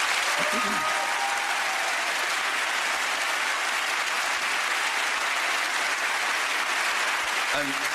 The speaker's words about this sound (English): So I'd like a round of applause for them, please.